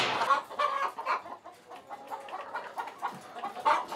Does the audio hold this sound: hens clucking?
yes